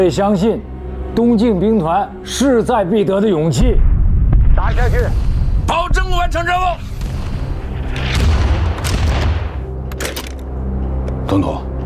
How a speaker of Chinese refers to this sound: 立刻拿下塔山，这提前响起的炮声，就是我们为党国的国庆献上的贺礼。